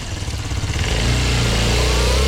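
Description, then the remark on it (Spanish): A motorcycle engine idles, then revs up into a loud, steady drone as it pulls away, continuous with no voices. “Me voy rapidito. Voy a irme en moto, voy a irme en moto.”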